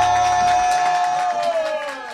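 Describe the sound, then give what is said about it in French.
A crowd applauds and cheers loudly for a couple of seconds at a youth talent show held at the Bourse de Lille in Lille, organised by the Fondation Apprentis d'Auteuil: dense clapping mixed with shouts and a sustained high whistle-like tone running through the noise. “Un tonnerre, un magnifique applaudissement pour l'homme que l'on nomme”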